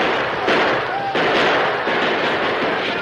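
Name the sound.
gunfire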